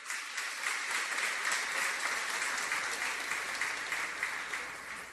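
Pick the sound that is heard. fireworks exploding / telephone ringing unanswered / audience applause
audience applause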